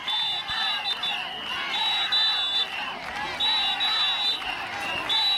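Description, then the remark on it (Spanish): A loud crowd of about 250 health workers protesting against Ingesa outside the Hospital Universitario de Melilla on a Thursday shouts and chants continuously, crying "Ingesa abusa" and demanding the management's resignation, with shrill whistles blowing in repeated bursts over the steady roar of voices. “Con los gritos de Ingesa abusa o a esta dirección se le pide dimisión, que han llegado hasta las calles aledañas al centro, unos 250 sanitarios se han concentrado para mostrar su rechazo a la imposición con la que denuncian que el Ingesa ha planteado”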